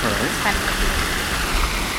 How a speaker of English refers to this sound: We're standing next to a beautiful man-made waterfall in Regent's Park.